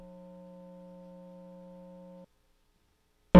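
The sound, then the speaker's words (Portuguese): A steady, buzzy telephone tone on a failing call with a very bad line drones for about two seconds and cuts off, followed by a brief silence and then an abrupt burst of loud noise at the end. “Não dá, tá muito ruim. Vamos aposentar esse telefone aqui.”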